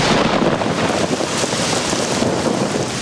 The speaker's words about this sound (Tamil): ஆஹா, இந்த மழையால என் பயிர் பாதிச்சிருச்சே, இப்ப என்ன செய்யறது?